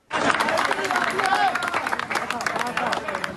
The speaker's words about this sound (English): Applause at one site in Cali. This was after a woman was pulled out alive after a 16-hour operation to set her free.